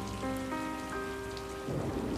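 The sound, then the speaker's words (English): Steady rain hisses under sustained piano notes played by pianist Dino Katsanakis, and a low thunder rumble swells near the end. The storm sits in the background, moderately loud, beneath the music. “If you listen closely, you'll hear the sound of a thunderstorm behind the pianist, Dino Katsanakis.”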